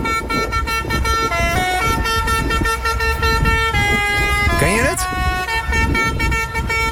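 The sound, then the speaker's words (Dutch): A fire truck's loud, brassy horn in Julianadorp, Netherlands, plays a children's song melody in stepped, sustained notes, with a brief rising sweep near the end. A voice speaks briefly over the traffic noise. “Maar in Julianadorp maakte de brandweerauto in één keer een heel ander geluid.”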